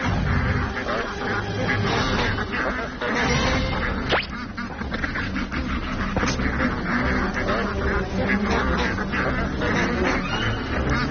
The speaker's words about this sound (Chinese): 没想到这散步的队伍如此壮观，几乎池塘里所有的鸭子都跟着浩浩荡荡地出发了。